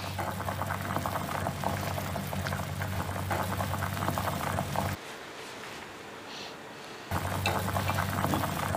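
Water seasoned with dried ground galangal boils in a steady, loud, rolling bubble as shrimp go into the pot to be blanched. The churning briefly drops to a softer hiss midway, then resumes at full strength. No one speaks.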